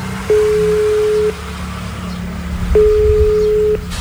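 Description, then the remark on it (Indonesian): Two steady one-second ringback tones sound over a phone loudspeaker, separated by a pause of about a second and a half, with low background rumble and no talking. “Coba tak bele wae ya, Mas ya. Tak loudspeaker iki.”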